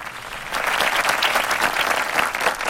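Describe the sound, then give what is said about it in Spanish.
An applause sound effect for a guest band on Aztlán Radio: a crowd applauds steadily, dense clapping filling the whole stretch at a fairly loud, even level with no voices on top. “Este grupo invitado, un aplauso.”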